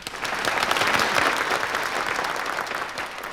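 A steady burst of audience applause, many hands clapping densely and evenly at a fairly loud level throughout, with no voices standing out.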